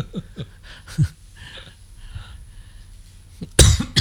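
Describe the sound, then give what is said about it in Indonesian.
Someone coughs from a pungent perfume: a short, light cough early on, then quiet throaty sounds, and finally a harsh, louder burst of coughing at the end. No one speaks. “Jadi batuk. Parfumnya nyegak pisan.”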